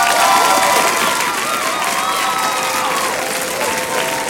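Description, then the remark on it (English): A dense, steady round of applause with cheering voices mixed in, loud and sustained throughout without a break, like a crowd clapping enthusiastically together. “Big congratulations going out to Kevi and family in the Isle of Lewis, a big round of applause.”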